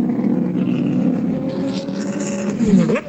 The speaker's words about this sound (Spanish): Mientras tanto, comienzan a salir los vehículos de la primera batería a la zona de la pista, lentamente a tomar contacto con la cinta asfáltica. Escuchamos, oyentes.